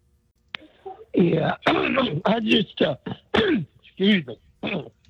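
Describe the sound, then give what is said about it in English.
A man clears his throat with several rough, rasping hacks and a short cough, fairly loud, the bursts coming in quick uneven succession. “Yeah, you need a cough drop?”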